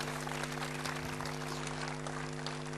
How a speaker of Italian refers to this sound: Persone per bene, applauso.